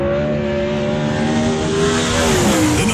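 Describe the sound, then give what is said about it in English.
A loud 410 sprint car engine roars for about three seconds, holding a steady growl before its pitch dips and climbs again near the end. No one speaks. “The 410 Sprint Car Series kicks off the fastest 5 days road trip to Dirt Cup Thursday night at Southern Oregon Speedway, presented by Bi-Mart, along with the Northwest Focus Midgets.”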